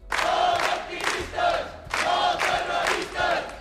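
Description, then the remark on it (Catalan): Dozens of protesters shout and chant in loud, rhythmic bursts, roughly two swells per second-and-a-half, many voices blending into a dense, rising and falling roar, welcoming detained women leaving the courts on Via d'Alemanya, at a gathering called by the platform Menys Turisme, Més Vida. “Han rebut a les detingudes entre abraçades i molta emoció i amb crits i pancartes on es podia llegir Detengudes Llibertat.”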